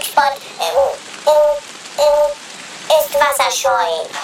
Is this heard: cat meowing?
no